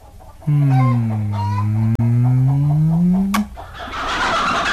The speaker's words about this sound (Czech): Nemohla byste těm hloupým slepicím poručit, aby tak protivně nekvičeli, zrovna když vám chci říct, že vás nade všechno miluju. Slepice nekvičí, kdákají, milý Eduarde. A nedá se jim poručit, na rozdíl od oddaných poddaných.